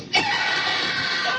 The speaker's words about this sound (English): That's me screaming.